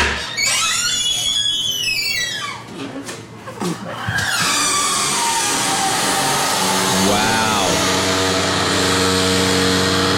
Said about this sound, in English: You heard the open, which was the higher pitch squeak, and then as it closed, it had one of those like hydraulic things